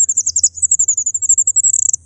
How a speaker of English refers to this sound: It's called an incubation call. She only does it when she's on her own with her eggs. And in fact, we have a recording of a fairy wren incubation call, so you can hear the sorts of thing they're doing.